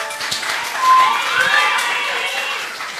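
An audience bursts into sustained applause with cheering and a few whistles, a dense wash of clapping that holds steady at a fairly loud level for about three seconds.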